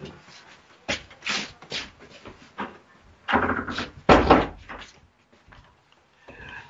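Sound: door being closed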